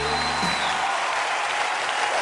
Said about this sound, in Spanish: Fuerte ese aplauso.